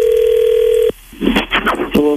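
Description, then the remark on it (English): A steady telephone dial tone drones for about a second, then cuts off into a quick burst of pulsing, beeping dialing tones before another tone begins, as a phone call is placed to a woman's husband. “Let's call your husband”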